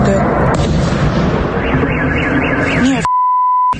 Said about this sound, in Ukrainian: Не тихою ніч була у жителів Ярославської області. Її атакували дрони. У Ярославлі пролунало близько 20 вибухів. Гепало так, що місцеві жителі не могли заснути.